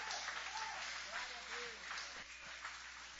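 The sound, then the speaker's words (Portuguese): A church audience applauds to welcome the preacher and praise King Jesus, in a steady, dense wash of clapping that holds at an even level throughout, with scattered voices calling out over it. “Recebamos o servo do Senhor com palmas lindas para o Rei Jesus.”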